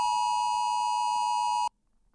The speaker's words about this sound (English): How long will that sound continue for and why is it all happening? It's all to do with the Oz Alert Emergency Warning System test. It is designed to warn you about life-threatening emergencies like bushfires, floods, and cyclones.